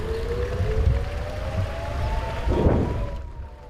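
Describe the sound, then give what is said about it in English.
An air raid siren from a neighboring kibbutz wails in a long, steady rising tone, faint over a rumbling outdoor background with a brief burst of noise near the end. “Shortly before we leave Rosh Hanukkah, the sound of an air raid siren from a neighboring kibbutz shatters the silence.”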